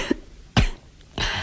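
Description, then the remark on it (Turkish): A couple of sharp coughs, each a harsh burst with a rough tail, the second followed by a longer raspy one after a short pause; no talking. “Bak hafifledi öksürü.”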